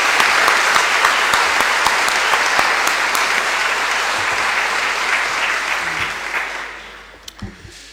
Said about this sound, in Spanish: nos acompañen desde la parroquia San Francisco de Asís, del histórico San Pedro de Alcántara, ¿no es cierto? Siempre están para el servicio litúrgico y el servicio de Dios. Un aplauso para el conjunto Renacer de nuestro canto.